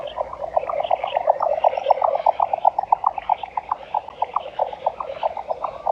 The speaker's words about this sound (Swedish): Och jag vill lyfta några sådana exklusiviteter nu från förra lördagen. En sådan var dvärgbeckasinen.